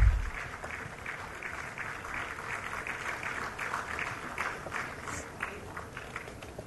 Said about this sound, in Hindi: जोरदार तालियों से अभिवादन कीजिए